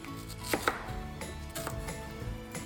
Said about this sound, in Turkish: Yine bir soğan doğrama işlemimiz var. Bıçağımı alayım mı orada?